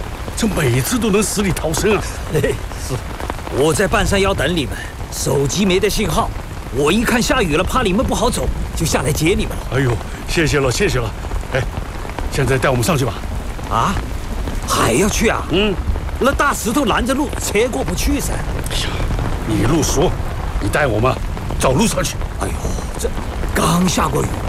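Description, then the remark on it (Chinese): Steady rain hisses continuously in the background while several people talk over it, the downpour dense and constant throughout with no clear individual drops. “我一看下雨了，怕你们不好走，就下来接你们了。”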